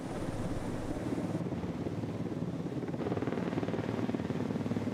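vehicle, helicopter flying

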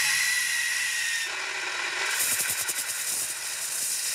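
tool, powder fire extinguisher spraying

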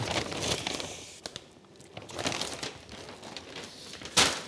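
household object, bags being packed

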